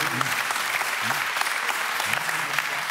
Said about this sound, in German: Sie müssen da nicht klatschen, wenn die was richtig machen. Das ist nicht gut für euch.